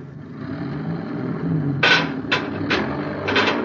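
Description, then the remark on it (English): A heavy truck engine rumbles low and steady as the truck is driven straight ahead to pull out an Endurium beam, with a few short, bright bursts of hissing or clanking breaking in over the last couple of seconds. “You tell your driver to pull the truck straight ahead now.”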